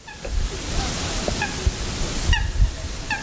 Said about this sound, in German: Hier die Stille der glatten Wasseroberfläche, dort das verhaltene Zirpen der kleinen schwarzen Wasservögel, Sonnenuntergang vor dem Dorf Horn am Untersee, dem südwestlichen Teil des Bodensees.